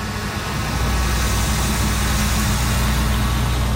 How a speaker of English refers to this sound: But the peace of this small town is increasingly being pierced by heightened noise, industrial traffic, and worries about a shift in the town's cultural and tourism economy as mining returns to the region.